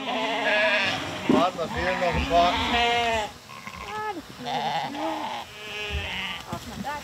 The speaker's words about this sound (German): Als hätte es die Tierärztin geahnt. Ein Schaf bricht aus der Herde aus.